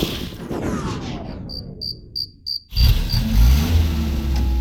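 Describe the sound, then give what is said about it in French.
A few short, evenly spaced cricket-like chirps sound in a near-silent pause, then a just-repaired car's engine turns over and settles into a loud, steady low rumble that runs to the end. “Bon, je crois que la voiture de ton papa est réparée.”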